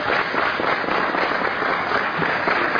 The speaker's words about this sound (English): Was there an applause light in there? No, there's not. And I didn't think so. That was organic, wasn't it?